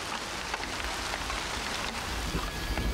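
Steady rain falls on a field of young wheat plants in a dense, continuous hiss with scattered soft patters of drops, heard outdoors with a low rumble underneath and no voices.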